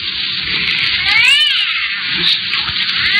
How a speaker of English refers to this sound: Listen to it. That ain't no cat you got in there. What? Oh, I'm sorry. Yes, yes, I lied. It is a cat. Just a cat. But I'll make it be quiet for the whole way.